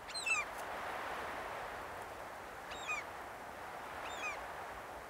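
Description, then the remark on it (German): Geese honk on the goose farm in Kaitum: three short, nasal calls a couple of seconds apart, over a steady bed of outdoor noise, with no one talking. “Auf dem Gänsehof in Kaitum ist fast jeden Tag ein Produktionstag.”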